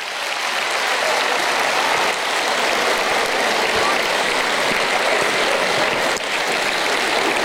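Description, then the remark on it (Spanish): Sustained crowd applause, a dense, steady clatter of many hands clapping at an even loudness throughout, with no voices standing out. “¡Aplauso para la fe!”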